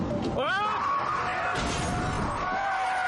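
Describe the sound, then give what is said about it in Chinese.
Tires screech in a rising squeal as a car brakes hard while driving at night, then a single crashing impact lands mid-clip as the car hits a person and its windshield cracks, in a scene from the film Zou Dao Jin Tou, followed by a lingering tonal ring over a steady background rumble. “一阵紧急刹车后，他看见了挡风玻璃上的裂痕，顿时男人深感不安。”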